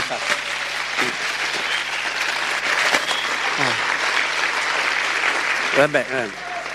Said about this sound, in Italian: Grazie di questo secondo spontaneo applauso.